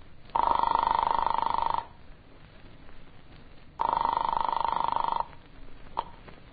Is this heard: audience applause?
no